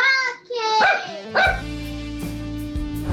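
Tó, a pet dog in São Paulo, barks three times in quick, high-pitched yelps, then a steady low hum carries on underneath.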